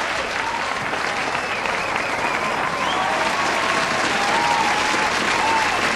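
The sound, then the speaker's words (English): Sustained applause from a large crowd, many hands clapping steadily at full volume for several seconds, with faint cheering and whistles mixed in. “That selection deserved a round of applause.”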